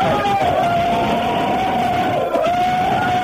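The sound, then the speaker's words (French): A group of students yells and shouts together in a school corridor, loud and unbroken for a few seconds, with one sustained high-pitched cry held over the rowdy mass of voices. “Allez, gueulez un coup là!”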